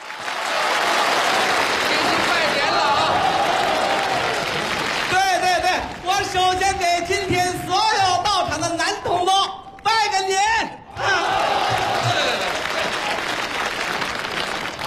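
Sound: audience applause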